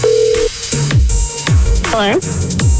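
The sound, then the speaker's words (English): Steady electronic telephone dialing tones sound in short bursts among swooping synthetic effects and a deep bass thump, loud, with no one talking, before a phone call. “It's a phone call you don't want your friends to hear.”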